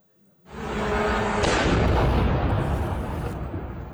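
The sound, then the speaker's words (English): After a brief quiet moment, a loud explosion bursts in as a drone crashes into a 10-story apartment block in Romania and explodes, followed by a sustained roaring rumble with a second surge of crackling blast noise. No one speaks. “NATO and the EU are condemning Russia after a drone crashed into a 10-story apartment block in Romania and exploded.”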